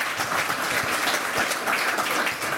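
A crowd applauds steadily, a dense wash of many hands clapping at once, sustained and fairly loud throughout with no voices standing out.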